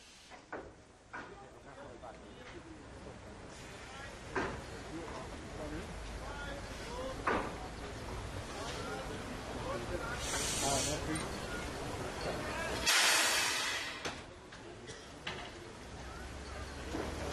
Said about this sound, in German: Und hier zu uns auf die Drehscheibe kommt nun die 5281-41 aus Löbau. Die Lokomotive ist 1944 beim Lokomotivwerk Grenau gebaut worden und ist heute bei den ostsächsischen Eisenbahnfreunden in Löbau zu Hause.